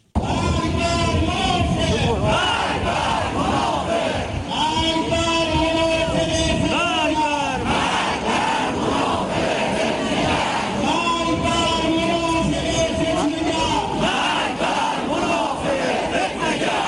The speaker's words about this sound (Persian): ترس و سراسیمگی حکومت آخوندی، برگزاری ضد تظاهرات با عربده های مرگ بر منافق در همدان و تهدید های سرکوبگرانی قضایی جلادان.